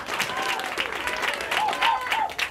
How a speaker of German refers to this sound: Einen fetten Applaus für den nächsten Act